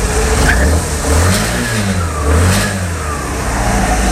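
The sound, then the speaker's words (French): A scooter engine buzzes steadily for several seconds, its whiny drone rising and falling in pitch as it revs up and eases off. No voices are heard. “C'était un scooter.”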